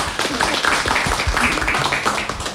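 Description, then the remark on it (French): An audience applauds after a parent's testimony thanking a toy library, a dense, steady wash of many hands clapping at once that holds at an even, fairly loud level for the whole stretch. “On peut applaudir.”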